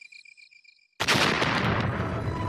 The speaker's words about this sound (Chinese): 过了大约五分钟左右，仓库里早已经存放好的炸药爆炸了，月洞门小院几乎被炸成了平地。